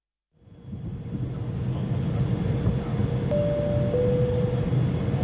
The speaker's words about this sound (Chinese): 女士们先生们，我们的飞机已经开始下降，请您将安全带系好，调直座椅靠背，收集小桌板以及脚踏板，请把遮光板保持在打开的状态。